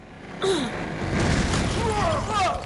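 After a brief quiet, a sudden loud blast bursts in as a door in a cold storage room is blown off its hinges by a burst of heat from a hand, flinging two people across the room. It rolls on as a broad, rumbling roar, with strained, wavering vocal cries rising over it.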